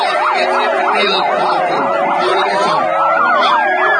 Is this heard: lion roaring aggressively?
no